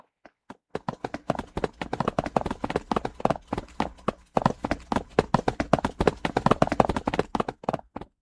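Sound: running footsteps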